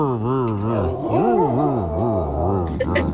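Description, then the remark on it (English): A voice imitates an old car engine trying to start, a continuous, wavering, growling drone that rises and dips in pitch for about three seconds without catching. “Sounds like an old car starting. Is that an old car starting?”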